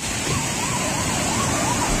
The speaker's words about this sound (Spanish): Escuchamos el sonido del río Alberche a su paso por el puente románico de Navaluenga.